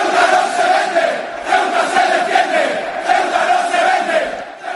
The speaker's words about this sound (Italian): Il grido è Ceuta non si vende, Ceuta si difende. Il gruppo Ultras del Frente Atletico è uno dei più conosciuti della tifoseria dell'Atletico Madrid, uno dei più politicamente schierati al sostegno dell'estrema destra.